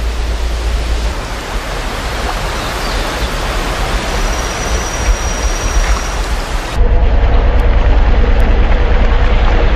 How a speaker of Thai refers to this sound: เมื่อพายุฝนพัดผ่านไปผืนป่าก็เจิ่งนองเต็มไปด้วยน้ำ